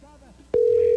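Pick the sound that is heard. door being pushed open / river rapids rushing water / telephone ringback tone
telephone ringback tone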